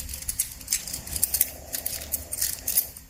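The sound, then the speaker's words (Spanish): Keys jingle and clink while being worked into the lock of a house door to open it, a steady run of bright metallic rattles and small clicks with no one talking. “Es el sonido de unas llaves abriendo la casa, porque hoy hablamos de vivienda.”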